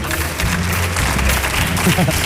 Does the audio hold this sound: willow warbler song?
no